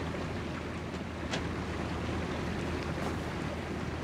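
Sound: boat on the water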